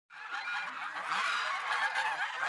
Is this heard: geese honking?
yes